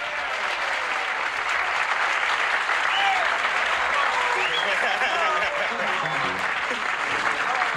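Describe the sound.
A large audience claps steadily in a dense, sustained wash of applause that holds at an even level for several seconds, with faint crowd voices mixed underneath, as a jazz quintet is introduced.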